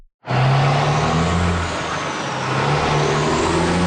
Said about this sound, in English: The sound of truck traffic is nothing new in Manitic. Community members have been raising safety concerns about it for years.